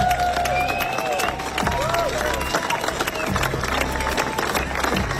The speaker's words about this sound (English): fans have burst into applause as they watched a procession bringing the late singer home